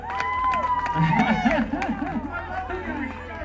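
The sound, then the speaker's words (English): A lively crowd cheers and claps, many overlapping voices shouting and whooping in a steady, dense roar that stays loud for a few seconds. “What a crowd, man.”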